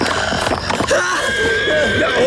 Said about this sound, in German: Du hast mein Pferd und mich beinahe zu Tode erschreckt.